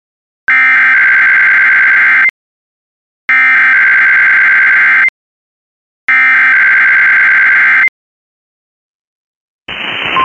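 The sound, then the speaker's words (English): A weather radio warning alarm sounds in a test of the signal used to activate special receivers when weather warnings or watches are issued: three loud, buzzy electronic tone bursts, each nearly two seconds long with brief silences between, then a sudden rush of static cuts in at the end. “This is a test of the no weather radio warning alarm to GDS signal.”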